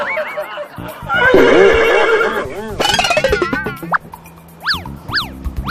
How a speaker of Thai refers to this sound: นั่นน่ะสิครับเสียงหายใจแรงด้วยเหมือนกับม้าเลยครับผมว่านะครับอีกไม่นานเกินรอต้องร้องเป็นฮีเหมือนม้าแน่นอนครับ